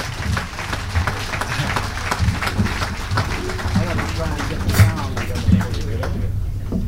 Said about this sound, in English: give a nice round of applause to …